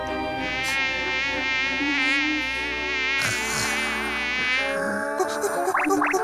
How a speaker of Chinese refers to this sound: 屋里有一只蚊子，我打算抓住它。